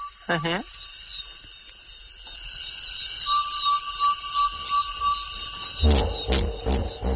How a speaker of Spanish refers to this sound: Parece que están matando a alguien por ahí, pero es un damán, sin más.